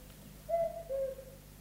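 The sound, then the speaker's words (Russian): A single two-note cuckoo call, the second note slightly lower than the first, sounding clear against a quiet background with no talking. “Кукушка.”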